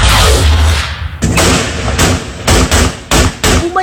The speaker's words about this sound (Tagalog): Ang sunod-sunod na putok ng baril mula sa apat na armadong lalaki sa Arayat, Pampanga noong Sabado ng gabi. Gumagamit sila ng iba-ibang uri ng armas na walang pakundangan nilang ipinapaputok pataas.